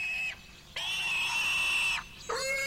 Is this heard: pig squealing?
yes